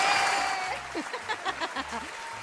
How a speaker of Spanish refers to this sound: Aplausos, aplausos, échale. Pero los aplausos.